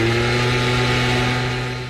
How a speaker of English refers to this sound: And a gas-powered leaf blower.